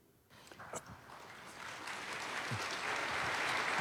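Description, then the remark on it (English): Applause starts after a brief quiet moment and swells steadily into a dense, continuous patter of many hands clapping, growing louder toward the end. “I'm clapping you before you say anything.”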